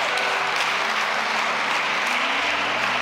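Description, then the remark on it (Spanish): Steady applause from an audience for a woman fills the whole stretch, a dense, even wash of many hands clapping at once, loud, with no voices speaking over it. “Ya, un aplauso para ella, gracias.”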